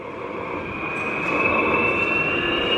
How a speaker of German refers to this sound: Vor mir steht nämlich so eine alte Diesellok und die nimmt jetzt richtig Fahrt auf. Klingt eher wie ein Düsenjet, der abhebt. Ja, das ist noch so eine alte Lok, die ist ein bisschen lauter.